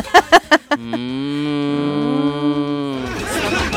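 A cow lets out one long, drawn-out moo lasting about two seconds, loud, after a few quick sharp sounds at the start, then it trails off into background noise.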